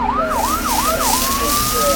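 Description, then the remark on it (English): A fire engine siren wails loudly, its pitch sweeping up and down in quick repeated cycles before settling into a long rising tone, with steady traffic rumble underneath. “Sometimes firefighting sounds like this.”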